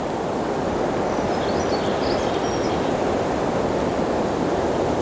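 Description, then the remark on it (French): A shrill, high-pitched insect drone trills almost continuously, breaking off once briefly, over a steady rushing background hiss with a few faint bird chirps mixed in, in a little-visited forest. “Le son aigu de l'insecte et quelques chants d'oiseaux diffus composent ce paysage.”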